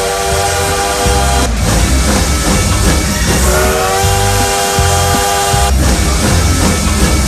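A train sound effect for the 'trem bala do Modão da Paz' on Rede de Paz radio: loud rumbling train with a steady chugging rhythm and a sustained whistle blast through the middle; no voices, just the train running throughout.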